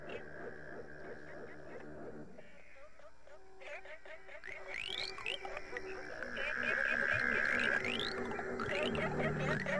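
A dense chorus of croaking North American frogs, from an album on Smithsonian Folkways, mixed into a music track: rapid repeating pulses and trills layered over sustained electronic tones, growing fuller and louder in the final seconds.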